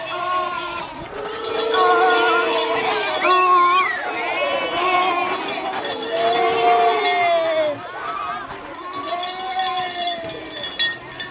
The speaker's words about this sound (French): On parlait de 2000 ou 3000 bêtes. Alors il y avait des ânes, il y avait des chevaux, il y avait des mulets, il y avait... Voilà. Et tout ça, ça faisait un bruit très particulier.